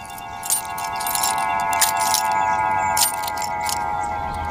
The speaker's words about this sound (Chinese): 熄火，车钥匙。